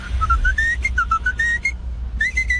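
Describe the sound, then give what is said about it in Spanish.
A food truck's bright whistled melody call, arriving at a construction site, plays in a quick run of rising and falling notes, pauses briefly, then resumes, loud and clear over a low rumbling background. “Ya conocían el chiflidillo de la loncherilla, la cucaracha, tiriririririri.”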